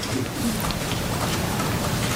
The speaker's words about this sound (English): That paper shuffling you hear in the background is Jay Powell going through his talking points. Let me find these numbers.